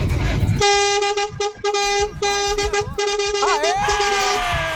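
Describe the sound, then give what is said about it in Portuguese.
A car horn honks loudly and repeatedly from a listener in a car during a late-night broadcast on Band, in short, choppy bursts, with a steady tone ending in a wavering, rising blare, over low rumbling traffic noise. “Tá no carro, né? Dá pra perceber que o cabra tá no carro. Ele tá buzinando, tá buzinando.”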